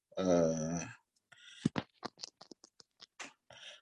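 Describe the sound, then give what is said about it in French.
A pen scratches across paper in a quick series of short, irregular strokes, each a faint dry rasp, sketching a diagram of a large circle with a small circle in the middle. A brief low hummed vocal sound comes just before the sketching. “Parce que le royaume, je fais un croquis ici pour, en fait, je ne sais pas comment je vais faire ça.”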